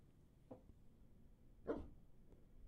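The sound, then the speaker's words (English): A dog named Tundra gives one sharp bark, framed by a couple of softer, shorter yips before and after, fairly quiet against a low background hum with no one speaking. “However, she already searched out the fact that I have a Nylabone”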